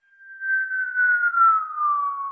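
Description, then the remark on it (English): Helicopter infrasound sped up into audible range: a single high, whistling tone that wavers slightly while gliding slowly downward in pitch for about two seconds, eerie and whale-like, with no talking. “This is the sound you collected from a helicopter.”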